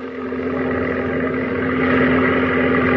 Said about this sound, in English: Hey, look. There's a plane. Zero. Look at that silhouette. She's a zero. And all alone.